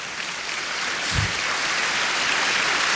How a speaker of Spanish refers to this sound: Aplauda al Señor.